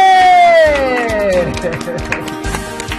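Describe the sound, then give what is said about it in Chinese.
Loud applause with cheering as an audience welcomes a teacher back to the team: a long voiced whoop slides downward in pitch over the first second and a half, while dense clapping continues steadily underneath for the whole stretch. “老师终于归队了，哎，大家欢迎，鼓掌欢迎，耶！”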